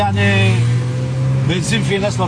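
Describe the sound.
A steady, loud engine hum of street traffic in Tyre fills the scene, with banged-up cars and old taxis idling and passing, including a yellow Camaro sports car, while voices chatter faintly underneath in the second half.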